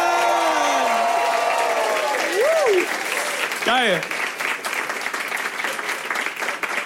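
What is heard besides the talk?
audience applause and cheering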